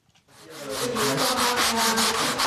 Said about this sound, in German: Noch ist es eine Baustelle. Sechs junge Leute schleifen Fensterrahmen, streichen die gruftig dunklen Wände der ehemaligen Kneipe, damit es heller wird.